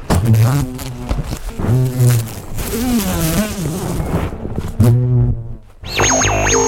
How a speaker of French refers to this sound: Mais c'est un mastodonte, il est énorme. Voilà monsieur l'abeille, qu'est-ce que tu as à dire? Monsieur Bourdon, plutôt que l'abeille.